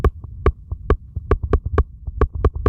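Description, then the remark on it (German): Teeth chattering heard through a stethoscope: a quick, uneven series of about a dozen loud, sharp clicks over a low, muffled rumble, with no voices. “Oder wenn ich jetzt mit den Zähnen klappere.”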